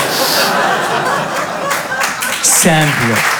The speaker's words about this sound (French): Applaudissez tous ensemble.